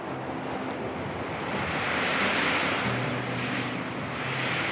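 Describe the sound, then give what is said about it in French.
Strong wind rushes across a beach by the sea in early spring, a steady, loud roar with rising and falling gusts that swell and fade, the surf blending into the constant blowing. No voices. “Tout d'un coup, le vent souffle fort”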